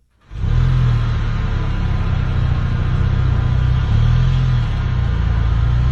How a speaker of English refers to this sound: With the sound of drivers just as hungry as you. I mean, we have all been there. Our vehicles idling in line.